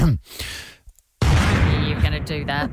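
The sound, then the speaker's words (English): A person takes a quick breath, pauses briefly, then vocally imitates an explosion with a sudden, loud, rough burst of noise that rumbles and crackles for over a second. “if it was me and if I was going to do an explosion, you ready for my one?”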